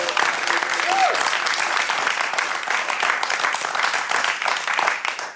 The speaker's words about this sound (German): Und liebes Live-Publikum, bitte gebt euch zu erkennen mit einem Applaus für unseren Gast